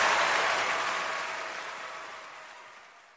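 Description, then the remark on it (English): An audience claps in a dense, steady wash of applause that starts fairly loud and gradually fades over about three seconds, with no voices over it. “Clapping is good, but you gotta get the word out.”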